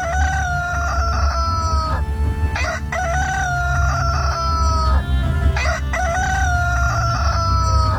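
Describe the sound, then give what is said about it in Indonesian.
Siluk's rooster crows loudly as Siluk's raft passes Ayus's man-made nipah forest, three long drawn-out calls in quick succession over a steady low rumbling background, with no one speaking. “Ketika rakit itu melewati hutan nipah buatan Ayus, berkokoklah ayam jantan siluk.”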